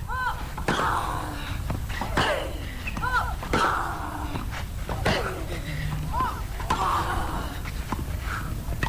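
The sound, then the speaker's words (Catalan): A tennis baseline rally in a match between US player Ashley Lahi and Greek player Mariana Argiro Castriti, with the score 0-1: sharp, punchy ball hits trade back and forth about every second in a steady rhythm, with brief high squeals between strokes over a constant low rumble. “Intercanvis des de la línia de fons.”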